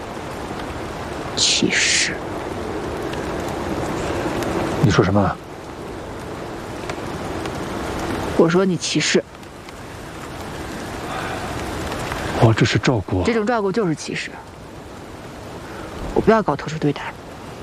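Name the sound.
rain falling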